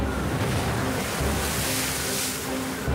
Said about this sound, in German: Wind verwandelt die See in eine Wasserhölle.